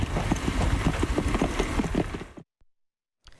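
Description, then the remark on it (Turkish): Hooves of horses from a mounted gendarmerie team patrolling around Lake Salda clip-clop in a steady, brisk rhythm of sharp knocks for about two and a half seconds, then stop abruptly into silence, with a brief faint noise at the end. “Jandarma At ve Köpek Eğitim Merkezi Komutanlığı'ndan 6 yıldır olduğu gibi bu yazda atlı jandarma timi geçici görevle Salda'ya geldi.”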